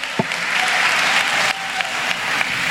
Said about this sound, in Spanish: Démosle fuerte ese aplauso al Señor esta mañana.